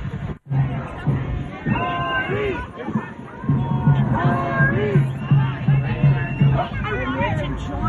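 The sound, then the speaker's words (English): A rowdy mob of people surrounding a red car, shouting and yelling over one another, loud, with raised voices rising and falling continuously and a steady low hum underneath throughout. “This is like, you got to join the mob.”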